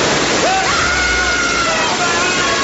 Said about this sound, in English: Right, I'm turning the sprinklers on. You have 3 seconds, then I switch from water to sulfuric acid.